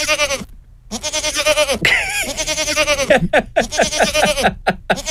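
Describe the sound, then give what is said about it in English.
Goats bleat loudly, a rapid series of quavering, nasal cries overlapping one another, with a brief pause near the start before the calling resumes. “I think our new Fully Charged ringtones could be goats.”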